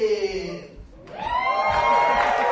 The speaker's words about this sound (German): Das Publikum klingt auf jeden Fall begeistert.